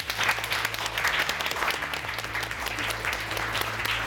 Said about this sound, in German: Lieben Dank, jetzt klatscht einmal für euch selbst.